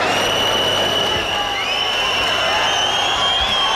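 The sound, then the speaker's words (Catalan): Shrill whistles from a large crowd packed into a town square after rain ring out continuously over a dense roar of shouting and cheering, the high piercing tones overlapping and sliding in pitch. “Per cert, que fa una estona s'han sentit xiulets com aquests.”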